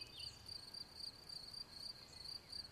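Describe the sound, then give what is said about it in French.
Crickets chirp steadily in a high, pulsing trill that repeats in regular bursts, over a quiet outdoor background with no voices, as daylight fades near Mont Valier. “Le chant des grillons et au loin les sonnailles des brebis vont accueillir”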